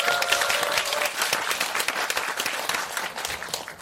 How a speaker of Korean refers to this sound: 전북 여성단체연합 상임 대표를 맡고 있는 그리고 전북 여성노동자회 회장도 하고 있는 김희자 대표님 큰 박수를 맞아주십시오.